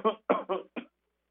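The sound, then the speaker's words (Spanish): Four quick coughs in a row, fairly loud, each a short rough burst that fades fast, followed by silence. “Te voy a estornudar, voy a toser tantito.”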